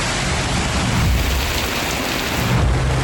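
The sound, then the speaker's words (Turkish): Heavy rain pours down in a steady, dense hiss, with a deep rumble of thunder rolling underneath, in Ankara, Turkey, where streets turned to lakes and homes flooded. Loud, with no voices. “Ankara'da yağmur yağdı, altyapı çöktü.”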